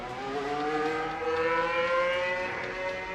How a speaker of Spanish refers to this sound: Ahí está, en directo, en el partido de la Honda, la Fórmula 1 en Madrid. Sale el segundo Alpine. Hay uno de los Audi que de momento está ahí reteniendo la salida del resto de coches de los boxes. Ahora sí, acelera.